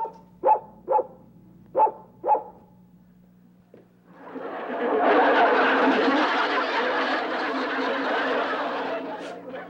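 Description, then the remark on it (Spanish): A dog barks four times in a quick, evenly spaced series, loud, then a long burst of group laughter swells up and carries on to the end. “De veras que ya nada más falta que un perro le ensucie los pantalones.”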